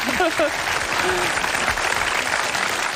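Steady audience applause for a teacher, a dense wash of many hands clapping at an even loudness for the whole stretch, with a few brief vocal sounds rising over it near the start.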